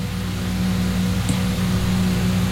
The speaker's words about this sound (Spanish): Si escucháis un ruido de fondo, es el ventilador, porque hace mucha calor.